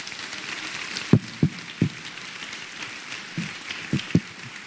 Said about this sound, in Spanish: Den un aplauso a él, que es imposible para él.